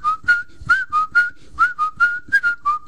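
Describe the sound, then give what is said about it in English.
A person whistles a lively tune in an advertisement for the Jerry Ward Autoplex car dealership in Union City, a quick run of short, bright notes rising and falling in a bouncy rhythm, with no talking over it. “When I see so many good-looking cars, I just whistle.”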